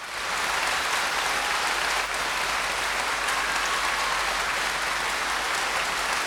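Sustained applause from a large live audience, a steady dense wash of clapping at even loudness throughout, with no talking over it.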